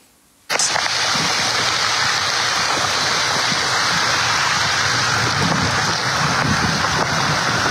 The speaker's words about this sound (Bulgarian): Виждам, че оплакването е, че водата от порова се стича в двора на къща. Да видим защо.